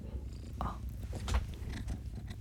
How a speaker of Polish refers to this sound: Na przykład takie mruczenie. No myślę, że to jest bardzo relaksujące, kiedy słyszymy, jak ten kot tak sobie mruczy. Słyszycie teraz? No właśnie, no fantastyczna sprawa.